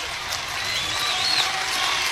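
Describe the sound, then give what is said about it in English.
A ballpark crowd cheers in a steady, sustained roar, a dense wash of many voices from the stands, with a thin whistle rising briefly through it. “Listen to the crowd.”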